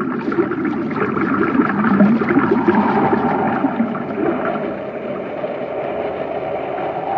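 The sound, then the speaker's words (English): Reversed pumps drive water into a shaft through a pipe, the water level rising, with a steady mechanical drone and a constant rushing, churning flow, fairly loud and unbroken throughout, with no voices. “That pipe isn't drawing water out, it's forcing it in. Someone reversed the pumps.”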